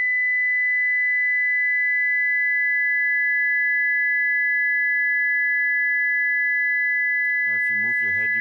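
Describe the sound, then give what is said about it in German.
A steady, pure high-pitched tone holds unbroken at constant loudness for about seven seconds, then a man's voice begins speaking over it near the end. “So that's a single sine wave, 2000 Hertz.”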